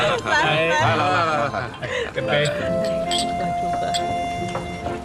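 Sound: glasses clinking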